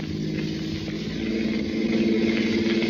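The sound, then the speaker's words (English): A car engine hums loudly and steadily, its drone swelling a little as the driver speeds up toward an intersection to follow a truck, with no voices over it. “Step on it, Denny.”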